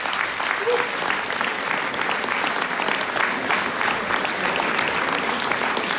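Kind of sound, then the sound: crowd, audience applause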